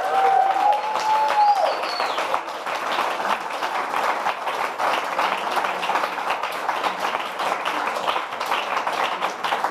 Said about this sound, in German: Aber erstmal genau ein Applaus für alle Künstler und Künstlerinnen.